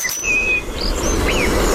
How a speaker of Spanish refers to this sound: Petirrojo europeo.